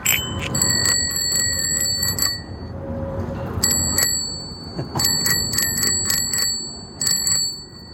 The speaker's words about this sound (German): Das war das Fahrradklingeln.